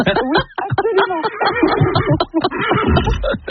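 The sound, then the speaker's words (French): A person loudly imitates a horse's neigh, a quavering, whinnying voice that rises and shakes in rapid pulses for a few seconds. “Vous pouvez refaire le cheval.”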